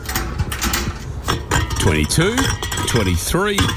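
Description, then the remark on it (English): Empty cans clink and rattle together as they are collected and counted, in a busy, irregular jumble of bright metallic knocks, with a few short rising tonal scrapes mixed in, fairly loud throughout. “Ha, nah, collecting cans.”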